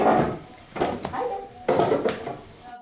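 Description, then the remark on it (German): Chairs scrape and bump across a hard classroom floor in two or three rough bursts, moderately loud, with a busy murmur of voices in the background. “Die Stühle bitte leise, Handys abgeben.”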